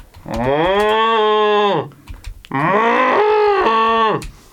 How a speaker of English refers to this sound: Just listen to them cows.